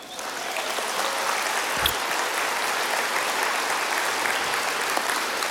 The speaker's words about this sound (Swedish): Och där sitter hon. En applåd för henne.